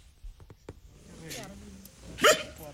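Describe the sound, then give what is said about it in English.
A single sharp, loud dog bark bursts out near the end, after a few soft clicks and low murmuring voices, as a small group of men and women train their dogs in obedience on a patch of grass outdoors in Gulu. “On a patch of grass, a small group of men and women are training their dogs.”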